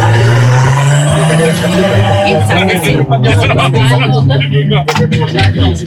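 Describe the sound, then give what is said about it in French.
A car engine idles steadily, its low droning hum continuous throughout, while indistinct voices and clattering noises rise over it in the second half. “Cette voiture est d'origine française?”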